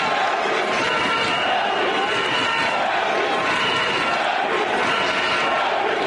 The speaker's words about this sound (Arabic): الجمهور الذي يهتف باسم الكاميرون.